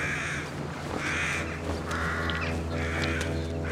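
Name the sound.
crows cawing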